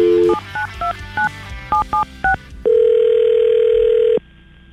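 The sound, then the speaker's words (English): A quick series of touch-tone keypad beeps as a phone number is dialed, followed by one long, steady ringback tone of an outgoing phone call, loud, with no voices. “Maybe she'll pick up.”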